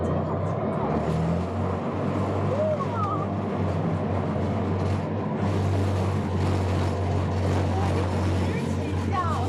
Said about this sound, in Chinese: 飞机已连接。可以看到我和螺旋桨转速是越来越快了。感受一下噪音。